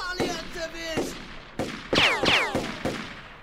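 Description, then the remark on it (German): A series of sharp gunshots fired to hit a rock at an angle, each followed by a whining, descending ricochet zing off the rock, loud and spaced irregularly over a few seconds with no talking. “Ja, aber wenn ich den Felsen im richtigen Winkel treffe, dann... Na bitte! Hey, verdammt guter Schuss!”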